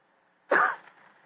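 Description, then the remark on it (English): A single short, fairly loud cough, meant as a discreet cough and somewhat like a throat clearing, breaks the quiet and trails off quickly into silence. “After a moment, he gave what he thought was a discreet cough.”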